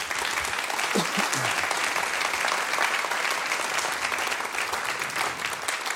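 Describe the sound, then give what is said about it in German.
An audience claps steadily for several seconds for a prize-winning folk music duo on stage, a dense, even wash of many hands with no pauses, and a brief murmur of voices near the start. “Waschechte Preisträger hier auf der Bühne. Kleinen Applaus, bitte.”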